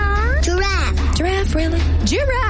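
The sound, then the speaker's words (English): A person mimics a cat with several drawn-out, rising and falling meows in quick succession, fairly loud over a low steady hum. “Dog. Cat.”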